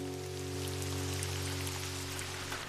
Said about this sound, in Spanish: ¡Ay, ya me cansé de ver llover, Dizzy! ¡Yo también! ¡No ha dejado de llover!